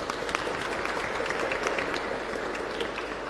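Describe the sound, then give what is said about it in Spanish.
Steady audience applause for people celebrating their birthday that day, a dense wash of many hands clapping at an even level throughout, with no voices standing out above it. “Felicidades. Un aplauso.”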